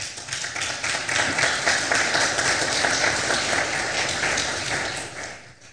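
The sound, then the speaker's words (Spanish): Sustained applause from a crowd, a dense crackle of many hands clapping at a steady level for several seconds before tapering off slightly at the end. “Un aplauso, por favor, Señor.”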